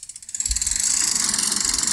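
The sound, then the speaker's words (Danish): An online prize wheel (lykkehjul) spinning during a firm's 6th birthday promotion, spun to try to win a prize: a fast, steady run of small clicking ticks with a bright, rattling edge, starting faint and quickly building to an even, continuous ratchet with no voices. “Der kan man lige i den her periode gå ind og spinne på sådan et lykkehjul, og så kan man vinde noget.”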